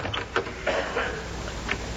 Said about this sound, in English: Yeah, closing the door with a sledgehammer.